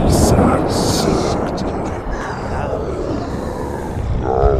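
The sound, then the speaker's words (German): A loud, steady roar of stormy wind during a thunderstorm, with deep rumbling underneath, a storm gust rattling a room's window throughout, and a brief voice near the end. “Um seiner Forderung Nachdruck zu verleihen, rüttelte eine Sturmböe voll Zorn am Fenster des Zimmers, sodass dieses der enormen Wucht nichts, aber auch gar nichts entgegenzusetzen hatte, splitternd aufsprang und nach innen wippte.”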